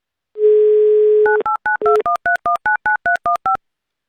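A steady, low dial tone hums for about a second, then a quick, evenly spaced run of about a dozen touch-tone beeps as a listener's phone number in Saint Petersburg is keyed in live on Avtoradio's radio roulette. No voices.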